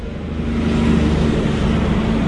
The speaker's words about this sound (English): And as you can hear, there's traffic streaming up and down State Highway 1 that intersects the town. And I'm going to have to stop for a logging truck that's coming past. Hold on.